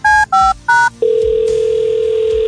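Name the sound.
telephone ringing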